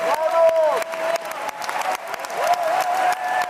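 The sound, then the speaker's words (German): A large audience applauds steadily and loudly, dense clapping filling the space, with voices cheering and calling out above it throughout, at the premiere of Janáček's opera The Excursions of Mr. Brouček in the Festspielhaus at the Bregenz Festival. “Publikum glücklich und jubelnd, Künstler strahlend.”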